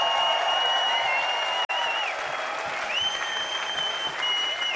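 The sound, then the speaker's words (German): A large crowd at the Rudolstadt-Festival applauds steadily for the whole festival team. A dense wash of clapping with whistles and cheers on top is interrupted by one brief dropout before the clapping carries on at full strength. “Und bitte einen riesengroßen Applaus für das ganze Team vom Rudolstadt-Festival.”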